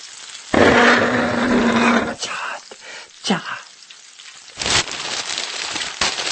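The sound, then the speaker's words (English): A chair scrapes loudly across the floor in one long, rough grinding drag of about a second and a half, followed by a few shorter scuffs and bumps. “Don't drag the chair.”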